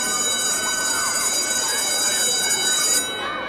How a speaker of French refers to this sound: Enfin, la cloche sonne.